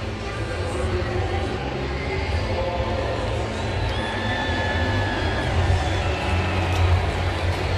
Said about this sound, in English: It's a growing applause, not quite as impactful on introduction as what it's been in his first six at-bats. It's growing now, though.